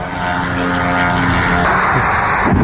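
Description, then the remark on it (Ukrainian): A loud, steady buzzing drone of a propeller-driven Ukrainian attack drone flying overhead during a strike on the Syzran oil refinery in Samara region, Russia, its engine whine holding a constant pitch with a slight rise near the end, no voices. “Дрон туда летит.”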